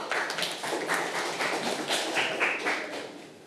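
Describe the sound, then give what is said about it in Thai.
A group of school children in a lesson clap their hands for two classmates in a steady, dense patter of sharp claps that runs unbroken for a few seconds, with no voices. “เอาละค่ะขอบคุณมากค่ะนักเรียนทั้งสองคนเด็กๆปรบมือลูก”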